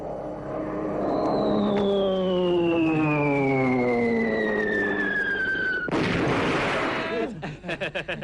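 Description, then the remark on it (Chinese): A performer vocally imitates Japanese bomber planes strafing and dropping bombs: a droning rumble under a long, steadily falling whistle, then a sudden loud explosive burst, followed by rapid staccato pops like gunfire. “哎，到底是日本鬼子飞机啊？啊？是着实厉害，这炸弹是成千上万的往下扔。”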